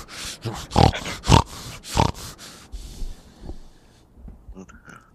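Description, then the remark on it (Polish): A person imitates a pig with a rapid, irregular burst of loud, breathy snorts and grunts, then trails off into fainter snuffling and a few quiet clicks. “No chrumka, on twierdzi, że to z nerwów i wydaje mi się, że może to być na tle nerwowym, jakieś takie odruchy, taki tik nerwowy, że wiesz, on jak wkurzony jest, to zaczyna chrumkać.”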